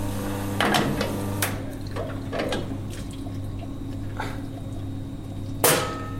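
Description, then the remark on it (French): An espresso portafilter rinsed under running water, with scattered metallic clinks and knocks over a steady low machine hum, ending in a brief louder splash and clatter. “Donc là, je rince mon porte-filtre.”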